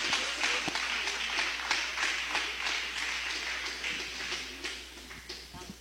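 A church audience applauds for Jesus during a service, many hands clapping in a dense, continuous patter with a few sharper claps standing out, sustained for several seconds with no voices over it.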